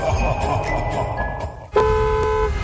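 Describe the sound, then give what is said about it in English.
A car horn blares in one long, loud, steady honk, cutting in over the low rumble of road traffic and idling engines. “Alexa, traffic has me famished and furious.”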